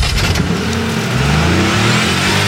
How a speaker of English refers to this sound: Start your engine.